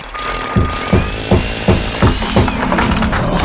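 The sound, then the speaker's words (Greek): Loud construction noise in a radio advertisement for demolition, building and construction work: a jackhammer pounds in rapid regular bursts, about eight heavy strikes, over a steady high-pitched whine of power tools and machinery, with no voices. “Γκρεμίσματα, χτισήματα και κάθε είδους οικοδομικές εργασίες με επαγγελματική υπογραφή.”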